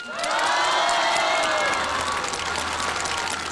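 A large crowd at the Tianjin Spring Festival Gala bursts into loud, sustained applause mixed with cheers and high excited shouts, welcoming a crosstalk performer, filling the space steadily for several seconds with no one speaking over it.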